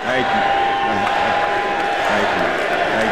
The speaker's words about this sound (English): Chants come from the crowd at Fitzgerald's induction ceremony in Canton, Ohio.